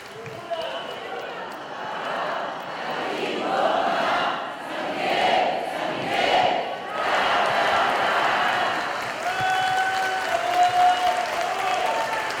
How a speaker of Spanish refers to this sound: Ahora sí, vamos a darle un fuerte aplauso a San Miguel que nos acompaña en nuestra vida. Que se oiga ese aplauso.